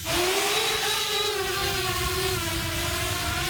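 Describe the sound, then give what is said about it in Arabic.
A steady motor whine of a Ukrainian drone hovering and flying in a practical test of a software upgrade for wind resistance and added weight, its buzzing pitch shifting slightly over a few seconds, with a broad windy rush underneath and no talking. “اختبار عملي لإحدى المسيرات، الهدف التأكد من فاعلية تطوير برمجي لمقاومة الرياح وزيادة الوزن.”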